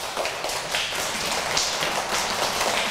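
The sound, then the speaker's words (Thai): Loud hand clapping by children asked by their teacher to clap loudly, many sharp slaps overlapping into a dense, steady patter, bright, with no voices over it. “เด็กๆลองปรบมือครั้งเดียว1 2 3เสียงสั้นไหมคะ ส ั้ น สั้นแล้วเราสามารถทำเสียงให้มันดังได้ไหมคะ ได ้ได้อันไหนลองปรบมือดัง”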